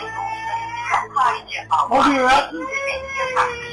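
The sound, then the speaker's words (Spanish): A person's voice mimics a little girl crying, producing whimpering, wavering sobs with rising and falling pitch in a few short bursts, fairly loud, with no other sounds around it. “Empieza a llorar la niña, güey.”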